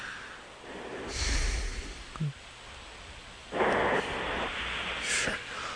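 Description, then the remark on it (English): A person snores: a few rough, rasping breaths with pauses between them and a low rumbling undertone, heard alone without any talking. “Now, that's snoring. It's in the cadence of a snore.”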